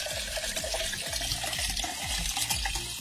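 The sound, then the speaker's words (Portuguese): Water pours steadily from a bottle into a container, with repeated gurgling glugs that rise in pitch as the vessel fills, continuous for a few seconds with no voices. “Vou tomar uma água. Tem água, Lô? Como é que tá a garrafa de água aí?”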